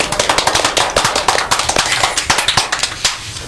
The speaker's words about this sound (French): Ah, bravo, Kevin. On peut applaudir Kevin.